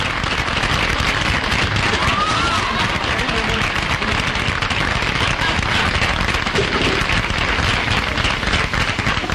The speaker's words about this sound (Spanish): Va a ser su entrada ya y recibimos con un gran aplauso al hombre de Buenos Aires. Adelante, señor.